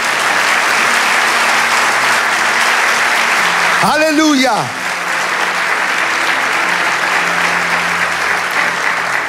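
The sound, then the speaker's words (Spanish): An audience claps loudly and steadily for the whole stretch, a dense wash of applause, while one voice shouts a single rising exclamation midway through. “Vamos, dale ese aplauso.”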